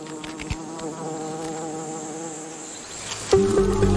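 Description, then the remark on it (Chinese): Bees buzz around their hive, which sits right beside a huge ant nest, in a steady, layered drone that fills the whole stretch, with a louder swell of buzzing near the end. No voices. “蜜蜂的蜂巢紧邻一个巨大的蚁巢。”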